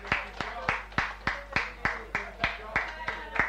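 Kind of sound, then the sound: crowd, audience applause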